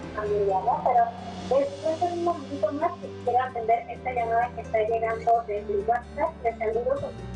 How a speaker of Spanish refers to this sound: No te alcanzamos a escuchar, me parece que tienes el televisor en un volumen alto. Hay que bajarlo para que nos podamos escuchar mejor, por favor.